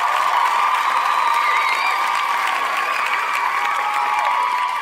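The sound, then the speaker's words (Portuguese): An applause sound effect: steady applause from a crowd, dense continuous clapping with a few cheers mixed in, loud and sustained for the whole few seconds. “Aplauso também vai para todos os agricultores.”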